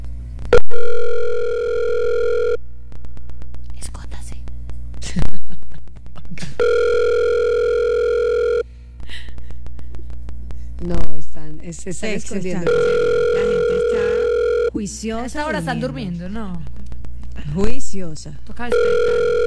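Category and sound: signal or alarm, telephone call ringing tone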